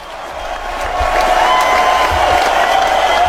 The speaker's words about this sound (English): I don't hear Steve Hilton. Maybe he's waiting for the applause to die down.